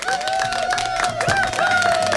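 A group of 15 people claps steadily for about two seconds, a dense, fairly loud patter of overlapping hand claps, with a sustained high-pitched whoop or tone running over the applause.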